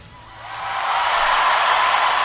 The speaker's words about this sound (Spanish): Mira, lo aplauden a Federico.